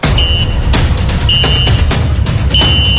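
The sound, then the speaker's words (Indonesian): A referee's final whistle ends a 2026 World Cup match after which Switzerland advance to the final. It sounds as three shrill, steady high-pitched blasts, the last one trailing off at the end, over a loud, constant roar of stadium crowd noise. “Peluit panjang telah berbunyi, pertandingan telah usai.”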